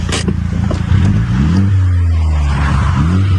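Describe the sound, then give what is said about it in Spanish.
The engine of a modified Mini Cooper with a modified exhaust pipe revs up with a throaty exhaust note, the pitch climbing and then holding steady, loud, with no voices over it. The driver revs it for a police officer during a traffic stop. “Oye, esto es una, por lo que veo allá adentro, eso es una Mini Cooper. Y se ve que está modificadita y sí, que tiene pipa, pero no tiene una pipa escandalosa.”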